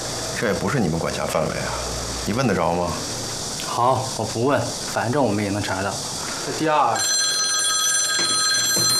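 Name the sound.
telephone ringing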